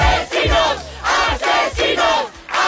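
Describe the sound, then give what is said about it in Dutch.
A large crowd of hundreds of demonstrators shouts the protest chant "Assassinos!" (murderers) in unison outside the home of a woman evicted by police, loud rhythmic bursts of many voices repeating roughly every half second to second, with brief dips between each shouted phrase. “Assassinos! Moordenaars, schreeuwen ze.”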